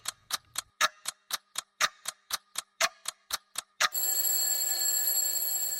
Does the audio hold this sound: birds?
no